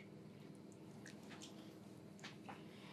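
Soft, wet squishing of the first sausage meat pushing out of a sausage filler tube, a few irregular squelches over a low steady machine hum, quiet.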